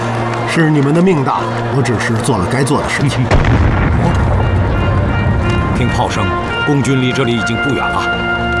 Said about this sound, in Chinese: 听炮声，共军离这里已经不远了， 最多明天下午，守卫港口的就会换成共产党的部队。